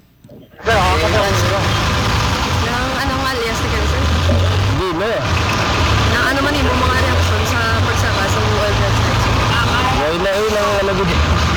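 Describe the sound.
A jeepney's engine rumbles steadily, a loud low drone that starts abruptly and runs throughout, with several people talking over it.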